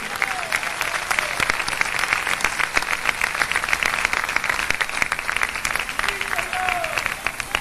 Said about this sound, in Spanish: Si ese aplauso es para el Señor, déselo como Él se lo merece.